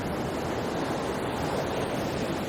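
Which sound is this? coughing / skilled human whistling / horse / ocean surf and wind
ocean surf and wind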